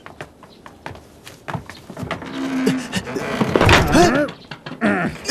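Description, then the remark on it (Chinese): A heavy temple gate is slammed shut amid a series of sharp wooden thuds and bangs, with people shouting urgently over the commotion toward the end, calling for the gate to be shut quickly. “快关门！”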